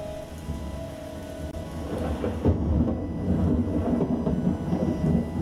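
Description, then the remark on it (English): Steady rain pours down while deep thunder rumbles, swelling louder about halfway through into a heavy, booming roll that lingers under the hiss of the downpour. No voices. “And let's keep in mind, you know, spring's all about the sunshine and flowers and stuff, but sometimes storms shall rage.”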